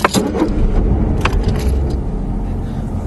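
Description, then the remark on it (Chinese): A car engine rumbles low and steady as the vehicle pulls away, with a few brief clicks and metallic jangles at the start and no voices. “再见，慢点开啊。”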